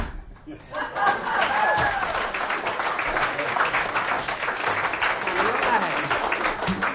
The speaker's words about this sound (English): That was really good clapping. Indeed it was.